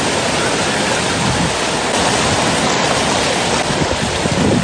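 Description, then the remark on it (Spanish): Loud, continuous roar of rough high surf, expected to continue for the next hours, a dense wash of water noise with surging swells and no pauses, filling the scene; no one speaks. “Por tanto, pobladores y visitantes solo observan y obedecen las medidas de precaución por el alto oleaje que seguirá durante las próximas horas.”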